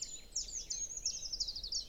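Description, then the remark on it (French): A treecreeper's very high, thin calls: a quick series of faint, sibilant chirps and trills, rising and falling, with no voices or other sounds around them. “Les grimperons.”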